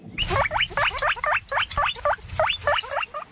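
A guinea pig squeaks in a rapid run of repeated high, rising chirps, about a dozen in quick succession, fairly loud with no talking.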